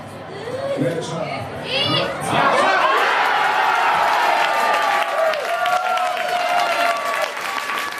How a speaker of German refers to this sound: Nur 6 Minuten hat es gedauert, bis die Deutschlandfans zum ersten Mal jubeln durften. Beim 1:0 durch Felix Metscher.